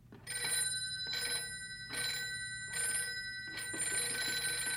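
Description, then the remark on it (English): A telephone bell rings in repeated bursts, four or five rapid trilling rings in steady rhythm, fairly loud, with no voices over it. “Oh, that must be Ted. He said he'd phone if they found anything.”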